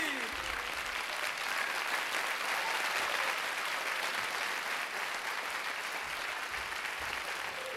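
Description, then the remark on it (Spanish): Steady applause from a crowd, a dense wash of many hands clapping at an even, sustained loudness for the whole stretch, with no voices standing out. “¡Y aplauso!”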